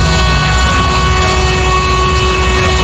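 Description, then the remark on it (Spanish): The horn of a Madrid municipal transport company (EMT) city bus, sounded by its driver, blares in one long, unbroken, loud blast. It holds a steady droning pitch the whole time, with a rumbling engine noise underneath and no voices. “Y ahora una dedicatoria de bocina, mira.”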